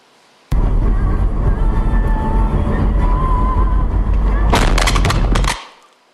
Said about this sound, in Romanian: Un al doilea pod important în Kiev a fost lovit în cel mai recent atac rusesc. Explozia a avut loc dimineața la doar un minut după ce a fost dată alerta de raid aerian.